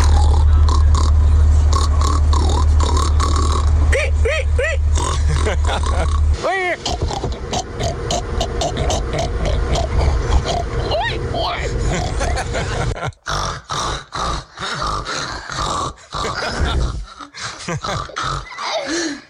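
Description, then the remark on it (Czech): Several people loudly imitate pigs, with rough grunts and snorts giving way to high, wavering squeals, overlapping and continuous, with laughter mixed in toward the end. “Máte tam spoustu krásných prasat, ale nejhorší snad v lese potkat teplý prase, jakože kvík, kvík, kvík, čuj.”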